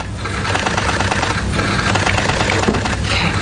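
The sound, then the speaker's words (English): Steady applause from a crowd, a dense crackle of many hands clapping at once that holds at an even, fairly loud level throughout without a break or any voices, for Maryland Governor Maura Healey's signing of an abortion bill. “That applause you hear is for Maryland Governor Maura Healey's signing of another sweeping abortion bill”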